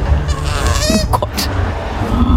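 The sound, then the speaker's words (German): A cute-looking small animal, played on the radio station Ego FM, gives a few short, nasal grunting calls, squeaky and slightly honk-like, over a steady low rumbling background with no talking. “Wie so ein süßes, kleines Grunzen.”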